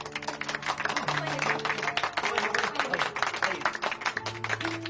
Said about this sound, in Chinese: 让我们用热烈的掌声欢迎他归来。